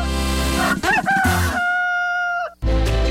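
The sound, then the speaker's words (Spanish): A rooster crows once, loud, in a long drawn-out cock-a-doodle-doo that rises and then holds a strained, sustained note before cutting off. No one speaks. “Avícola Caspar, más gallos que cualquiera.”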